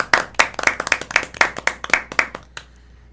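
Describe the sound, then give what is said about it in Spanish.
A short burst of audience applause: crisp, fairly loud claps in a quick, steady rhythm that gradually thin out and stop, with no voices over them. “Un aplauso para ti.”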